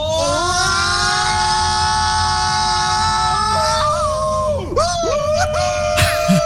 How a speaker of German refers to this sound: schickt uns eine Sprachnachricht von eurem besten und lautesten Achterbahnschrei. Klickt ffn.de, da steht, wie es geht. Unser WhatsApp-Kanal ist wirklich voll mit Schreien aus Niedersachsen und heute kommt der von